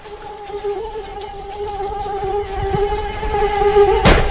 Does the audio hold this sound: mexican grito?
no